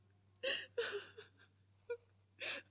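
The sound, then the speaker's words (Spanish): A human voice imitates a kitten crying: four or five short, high whimpering mews and sobs with brief pauses between them, fairly clear, with no talking. “El pobre gatito quedó llorando muy triste.”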